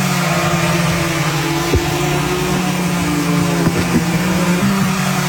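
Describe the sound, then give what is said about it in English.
A Walmart delivery drone flies by with a loud, steady buzzing hum of whirring rotors, broken by a couple of brief knocks as it drops a 5-pound package onto a lawn, with no voices. “Walmart drone deliveries coming to Seattle in 2027.”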